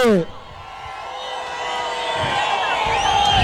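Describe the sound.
An audience claps and cheers in a steady, sustained roar with scattered whoops and shouts rising above it, following a brief voice at the very start.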